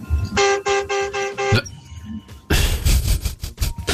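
Four quick, loud car horn honks sound in a steady rhythm. After a short lull comes a burst of dense, noisy traffic clamor that could hold more honking.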